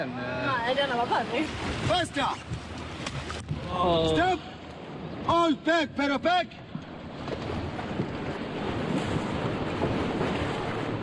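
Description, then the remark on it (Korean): Rushing rapids of the Zambezi River roar steadily and loudly from start to finish during white-water rafting through a level 4 rapid, while voices talk and call out over the churning water, with a few sharp bursts of shouting in the middle. “저 앞에 물살이 엄청나게 일고 있어요.”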